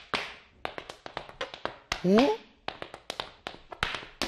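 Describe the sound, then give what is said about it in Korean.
Sharp hard-shoe tapping from Irish dance steps, a quick, uneven run of crisp clicks lasting several seconds, with a short rising vocal whoop partway through. “우리가 연주만 하면 어디선가 저렇게 펑 나타나서 춤을 춘다니까요.”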